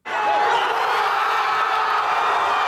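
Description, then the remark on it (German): Thousands of Spanish football fans in the fan zone on Plaza Colón in central Madrid cheer and shout continuously as Spain reach the World Cup semi-final, a dense, steady roar of many voices at a loud, even level throughout. “Der Jubel auf der Plaza Colón kennt keine Grenzen.”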